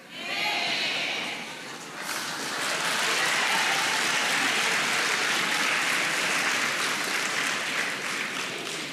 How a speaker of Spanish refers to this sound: Ahora aplauden, hermano, qué hipocresía más grande.